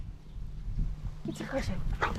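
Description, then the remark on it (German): A Dalmatian, practicing carrying a ring box on its collar for a wedding, gives a few short, high-pitched whimpers and yips over a low background rumble, with soft murmuring voices around it. “Die Hunde gehören zur Familie.”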